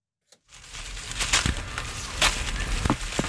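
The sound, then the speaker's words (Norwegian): Outdoors amid steady rustling, a few soft, dull thuds land at irregular moments as apples drop from one of two large old apple trees onto the ground in a garden in Slemdal, Oslo, Norway, with no voices. “Oi, der datt det nede også.”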